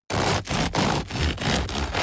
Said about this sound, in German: So klingt das perfekte Brot. Außen knusprig, innen luftig leicht.